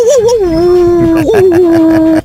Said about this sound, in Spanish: Oye, qué bien ladras, mano, no manches.